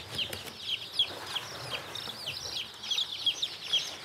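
Many two-day-old chicks peep in a constant, overlapping chorus of high, thin chirps, busy, with soft rustling underneath and no voices.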